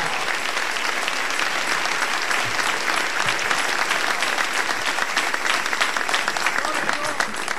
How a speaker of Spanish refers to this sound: Denle un aplauso al Rey. Aleluya.